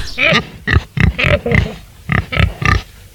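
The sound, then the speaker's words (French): A female wild boar at a rehabilitation centre for wild European animals grunts and snorts as it comes to sniff a hand, in a quick series of about nine short, rough bursts, some with a squealing, nasal edge, loud and alone with brief pauses between them. “Un sanglier qui vient nous renifler la main.”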